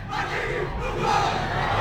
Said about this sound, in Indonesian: Nah, itu dia tadi yel-yelnya kinten. Wah, luar biasa niki juga sambutan dari para penonton niki ya.